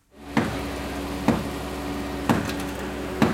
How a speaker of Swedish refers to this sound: En man bankar med en hammare för att försöka göra hål i betongen på det raserade huset i La Guaira utanför Caracas.